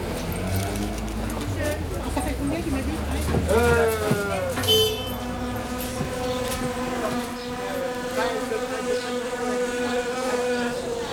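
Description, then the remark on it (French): A steady, droning buzz of wasps hums continuously throughout, fairly loud, with its pitch wavering slightly; faint background voices murmur underneath. “C'est des guêpes.”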